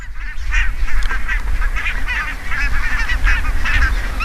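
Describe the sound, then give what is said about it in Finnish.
A large flock of hundreds of barnacle geese settled by a lake and a grass field in Maaninga, North Savo, honking continuously, many overlapping yelping calls in a dense chorus, fairly loud, with a low rumble of wind or background noise underneath. “Niin kuin äänestä kuuluu, niin valkoposkihanhet ovat asettuneet tähän.”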